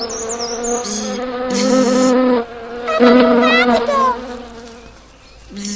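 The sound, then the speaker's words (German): A small ladybird buzzes in a steady, low droning hum that swells and fades slightly over several seconds, with faint high chirps and twitters flickering above it. “Ja, jetzt sehe ich es auch. Ein kleines Marienkäferchen.”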